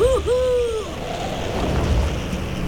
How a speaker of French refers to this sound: Son vol est rendu instable par les rafales de vent. Il a du mal à tenir une ligne droite. C'est loupé ! Saleté de vent ! C'est une vraie tempête aujourd'hui ! Cette bourrasque t'a sauvé, le lièvre !